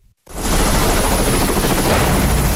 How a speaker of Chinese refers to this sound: UH-60M 黑鹰直升机由洛克希德马丁公司下属的西科斯基公司生产，是一款多用途直升机，能够运送部队和物资，并在敌对环境中执行搜救任务。